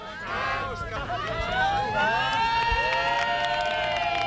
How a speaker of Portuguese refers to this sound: Así xorden momentos como os que presenciamos esta mañá. Venga, coge aí fuerza e para arriba. Ovacións e aplausos para axudar a empurrar costa arriba unha quincena de cadeiras de rodas.